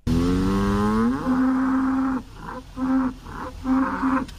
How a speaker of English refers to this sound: All right, and here is the third and final cow. Is it expensive or not?